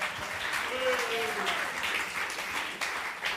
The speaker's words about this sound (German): Und wir freuen uns wahnsinnig, dass du dabei bist. Und das gibt einen großen Applaus.